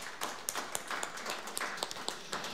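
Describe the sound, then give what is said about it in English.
An audience at a WDVX radio show applauds a performer with steady, dense clapping, a continuous wash of many hands with a few sharper claps popping out, fairly soft overall and with no voices. “How about one more round of applause for …, the first half of the show.”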